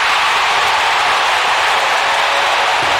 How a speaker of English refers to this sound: He's done it again. That Cleveland crowd was going bananas.